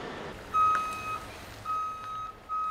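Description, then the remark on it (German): A heavy eight-axle transport truck reverses, maneuvering onto a construction site, with its backup alarm sounding: steady, high-pitched beeps in two sustained bursts over a low engine rumble, with no one speaking. “Und der Kollege, der da drauf sitzt, der fährt schon so lange diesen Achtachser, also da, das läuft.”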